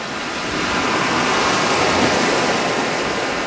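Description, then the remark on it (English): A steady, broad roar of ocean surf washing onto the beach at Newquay, with the tide out under a blue, sunny sky, swelling gently and holding strong throughout, with no voices present. “A team from Constant Wonder met up with him at his offices in Newquay, overlooking the beach. The tide was out, and since the sky was blue and sunny, the exposed sand gleamed”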